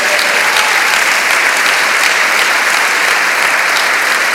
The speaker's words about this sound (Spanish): ¿Puede dar un aplauso grande al Señor?